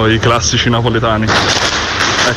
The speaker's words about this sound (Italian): Mi stavo facendo un audio e è saltato un petardo di un bambino a fianco.